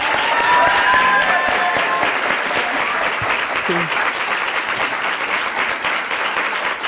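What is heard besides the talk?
audience applause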